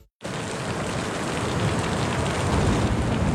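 Heavy, steady rain starts almost at once and pours continuously with a dense hiss, a deep low rumble of thunder blended beneath it. No voices.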